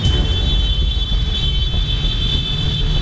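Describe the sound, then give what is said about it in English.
A steady, loud wash of heavy departure car traffic on a long weekend, before 4 p.m., with dense low-end engine drone and a constant hiss, like many cars idling and crawling. “This is your departure car traffic.”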